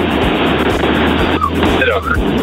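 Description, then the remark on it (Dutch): Steady, loud rumble of a car being driven on the road, thin and muffled as heard over a phone call from the driver, with a droning low hum throughout and a faint voice briefly surfacing in the noise. “Ik ben onderweg met de auto. Excuses voor de auto.”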